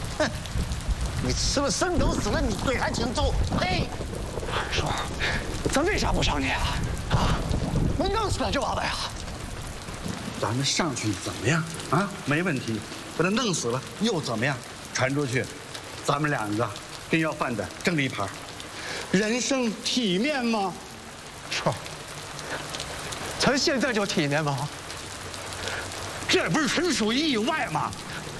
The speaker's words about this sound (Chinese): 大叔，这有老人，外面下雨了，我们就上去躲躲雨，雨停了我们就走啊！